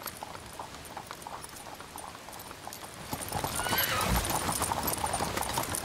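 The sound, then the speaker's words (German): A trek of horse-drawn carriages rolls across wet tidal mudflats on a broad sandy ridge near the Elbe estuary at ebbing tide, with steady hoof clip-clops and splashing growing louder after a few seconds, plus a brief whinny amid a broad outdoor hiss. “Auf dem breiten, sandigen Wattrücken nahe der Elbmündung setzt sich bei ablaufendem Wasser ein Treck mit Pferdekutschen in Bewegung.”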